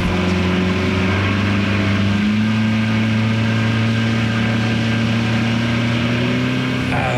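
A motorboat engine drones loudly and steadily throughout, its low hum shifting pitch slightly partway through as the throttle changes, with constant rushing noise and no talking. The boat carries a University of Virginia research team out at about 5:30 in the morning, before sunrise, to Myrtle and Smith Islands on the Eastern Shore of Virginia for bird counts.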